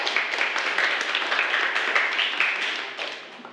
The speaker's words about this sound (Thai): เป็นคำตอบที่ถูกต้องเลยนะครับจากนักเรียนทั้งสองคนขอเสียงปรบมือให้กับเพื่อนครับ